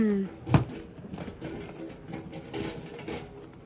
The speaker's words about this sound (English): Got to close the door on this cake.